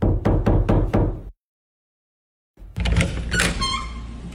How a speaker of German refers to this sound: Wir sind am rechten Ort. Ich klopfe nun an die Tür.